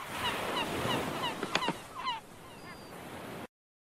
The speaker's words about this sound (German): Auch der Möwe, ihr Geschreie, befreit ihr keinen, oder doch?